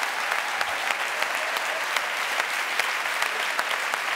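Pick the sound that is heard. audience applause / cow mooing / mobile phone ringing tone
audience applause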